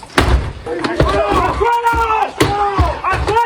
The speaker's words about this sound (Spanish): Estos son algunos de los momentos de mayor tensión grabados por la policía durante su entrada a dos casas de un total de 26 en registros en domicilios y en naves.